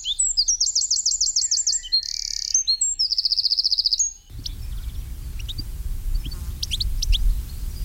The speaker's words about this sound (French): Le troglodyte mignon, c'est le numéro 15. Alors, un petit oiseau très commun qu'on peut voir aussi bien dans les bois que dans les maisons, les jardins. Dès qu'il y a des buissons, bien, le troglodyte est là.